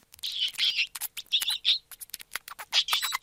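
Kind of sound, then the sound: animal, gerbil squeaking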